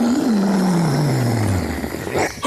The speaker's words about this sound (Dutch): Maar wat hoor ik nu? Een auto die stopt?